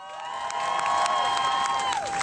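An audience claps and cheers for a speaker for about two seconds, with sustained high whoops riding over steady, dense applause at a fairly loud, even level. No one speaks.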